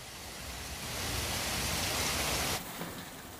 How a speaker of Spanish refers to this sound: También en Grandoso, en León, el pedrisco ha caído con intensidad. Una escena muy parecida a la que se ha vivido en muchos puntos de Cataluña.